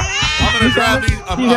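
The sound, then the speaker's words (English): Several cats meow and wail loudly and continuously, their drawn-out, overlapping cries with no pauses. “I'm going to drown these cats.”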